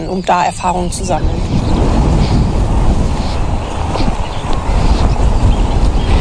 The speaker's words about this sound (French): Il y a beaucoup trop de vent!